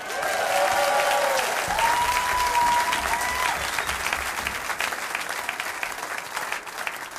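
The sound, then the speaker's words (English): A concert audience applauds a musician steadily, a dense wash of clapping that holds loud for several seconds before easing slightly, with a few faint whistles or tones drifting over it. “How about a nice round of applause for …?”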